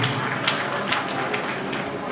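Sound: audience applause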